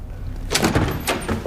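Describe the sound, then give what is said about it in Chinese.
A door is opened, with a couple of short rattling clunks about half a second apart over a low background rumble. No one speaks. “谁呀？ 开门。”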